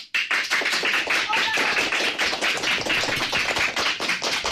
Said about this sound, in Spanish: hoy tenemos a escolares del CEIP Córdoba Ullosa de Ponte Calderas. Es una representación de alumnos de cuarto, quinto y de sexto. Chicos, un aplauso para saludar y decir de alguna manera que estáis aquí.